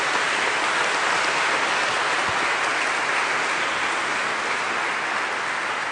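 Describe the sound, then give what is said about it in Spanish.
Steady applause from a crowd for those celebrating birthdays fills all six seconds, a dense, even wash of many hands clapping at constant loudness with no voices standing out. “Felicidades, un aplauso para los cumpleaños.”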